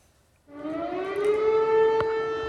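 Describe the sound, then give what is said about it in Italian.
A civil defense air raid siren starts up in the middle of the night in Tarnava Colonia, Lublin province, eastern Poland, sounding an alarm after an unidentified object was detected. It wails steadily, its tone slowly rising in pitch and holding loud and sustained, with no voices over it. “Gli abitanti di Tarnava Colonia vengono svegliati dalle sirene in piena notte.”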